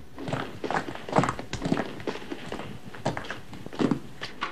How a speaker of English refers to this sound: He tramps back to the bathroom.